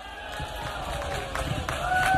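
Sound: audience applause and cheering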